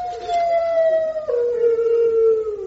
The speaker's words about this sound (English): That's no ordinary dog. It's a hound. A hound? Hey, did you hear that? There's a whole pack of them.